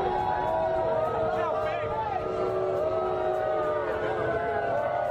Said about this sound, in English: Donald Trump being lustily booed when he arrived at the venue tonight in New York.